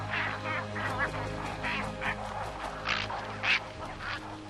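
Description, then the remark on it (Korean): A huge cattle egret colony in riverside trees gives harsh, croaking calls in overlapping bursts, roughly twice a second, over a steady low hum. A few louder, raspier squawks stand out toward the end. “하지만 그중 가장 시끄러운 건 당연 황로들이죠.”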